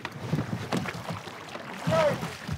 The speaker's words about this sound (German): Ready to row? Hoi! Hoi! Or forward and push. Das Wichtigste, beim Rudern denselben Takt finden. When we finish, we say, hoi! Not that deep. Das Ruder nicht so tief ins Wasser. Press against the chest. Immer bis zur Brust ziehen. Not bad.